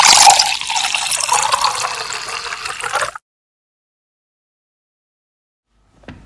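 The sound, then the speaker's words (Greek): A tap runs with a steady, hissing gush of water for about three seconds, then shuts off abruptly, leaving silence before a faint sound right at the end. “Κλείνουμε τη βρύση όταν πλένουμε τα δόντια μας.”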